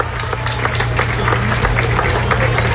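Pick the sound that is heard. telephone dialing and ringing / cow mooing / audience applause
audience applause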